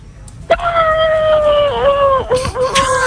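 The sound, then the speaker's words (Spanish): A person's voice imitates a horse's whinny with one long, high, wavering tone held for nearly three seconds, dipping in pitch near the end and coming out closer to a howl. “Regular, el caballo sale regular, amigo.”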